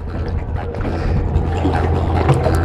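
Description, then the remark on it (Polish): Someone wearing a backpack clambers aboard a small boat named Plena with a Mercury outboard motor at the back, with a few soft knocks and shifting over a steady low rumble, lapping water and light wind noise. “Silnik Merkury z tyłu i będę wsiadał. Mam plecak, więc muszę trochę się postarać, żeby wsiąść na tą łódkę.”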